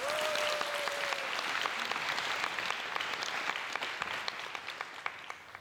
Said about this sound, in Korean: 큰 박수로 청해 듣겠습니다.